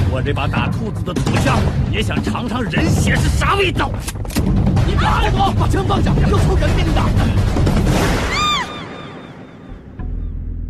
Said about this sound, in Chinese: 一声恐怖的枪声，打破了夜的死寂，就像是在无边的夜幕中划出了一道正在滴血的伤口。